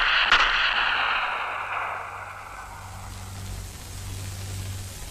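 A single sharp gunshot cracks out far off near the start, its echo rolling and fading slowly over a low, steady rumble. No one speaks.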